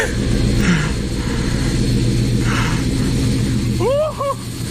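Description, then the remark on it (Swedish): A rare class 56 diesel locomotive passes through Shawford station, its engine a loud, steady, low throbbing drone with a thick rumble running the whole time. A brief voice cuts in near the end. “It's a class 56 and it's due through here in a moment.”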